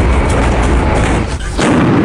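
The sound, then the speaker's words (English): Bofors artillery guns fire in loud, rumbling booms that roll into one another, with a brief dip before another powerful blast, directly targeting the top of Tiger Hill as the prelude to the final assault. No one speaks. “What you heard right behind you was the sound of Bofors guns directly targeting the top of Tiger Hill, the prelude to the final assault.”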